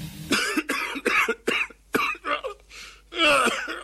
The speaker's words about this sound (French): Qu'est-ce que tu as encore? Je sais pas du tout. Faudrait que j'aille sur Mediconet pour savoir pourquoi je tousse, mais je peux pas.